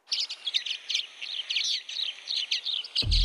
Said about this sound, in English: I can't believe that I found the bird. It's a common waxbill. Listen to this.